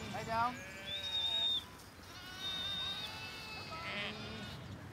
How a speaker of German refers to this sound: hat sein Herz an Schafe der Rasse Texel verloren.